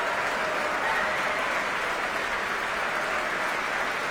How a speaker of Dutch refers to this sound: Ja, u hoort het zeer enthousiast publiek hier in de grote zaal van het Concertgebouw.